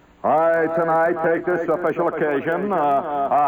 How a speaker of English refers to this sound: So would you please give me my echo chamber?